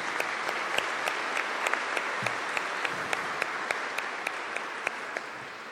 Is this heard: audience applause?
yes